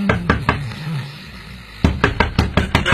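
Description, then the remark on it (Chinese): Rapid, urgent knocking on a door by police, loud, in two bursts: a quick cluster of raps, a brief pause, then a longer run of hurried, insistent knocks. “突然一阵急促的敲门声把他惊醒。”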